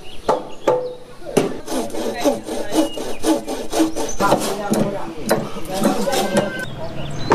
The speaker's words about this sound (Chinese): 房屋的组装要一直持续到天明。村民们在房架上反复敲打每一个连接的环节，确保咬合紧密，没有偏差。